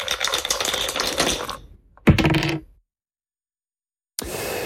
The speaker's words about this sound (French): Vous me dites top départ pour lancer les dés. On est sur la 35. Top départ.